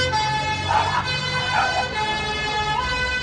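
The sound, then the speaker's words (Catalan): A fire engine siren wails steadily, its pitch rising and falling in repeated sweeps over a low rumble of traffic, moderately loud, with no voices over it. “Va veure un camió de bombers, després un policia que l'ajudava a posar-se dret.”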